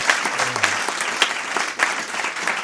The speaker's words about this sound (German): Einen Applaus.